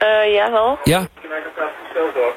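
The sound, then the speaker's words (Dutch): A tinny, band-limited phone line carries a brief voice, then a muffled wash of overlapping crowd chatter, as if from a busy bar, heard faintly through the handset as the phone is held up into the room. “Kun je even de telefoon in de ruimte houden, zodat ik het een beetje kan horen?”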